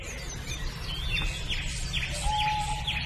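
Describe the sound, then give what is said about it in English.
A small songbird, a warbler, sings a run of thin, sweet notes that trickle down the scale in pitch, repeated phrases over a steady low rumble of background noise. “The descending song trickles down the scale.”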